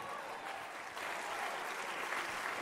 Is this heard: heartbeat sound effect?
no